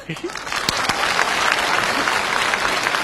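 Steady, dense applause from a crowd, a continuous wash of many hands clapping at once, fairly loud, sustained throughout with no pauses.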